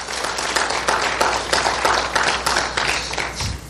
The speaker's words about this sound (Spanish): ¡Wow! Dale un fuerte aplauso a ese Cristo.